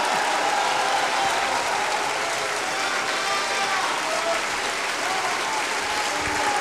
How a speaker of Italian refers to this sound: il pubblico più appassionato è qui, e quindi questo era Piero Pretti, a lui era rivolto questo applauso.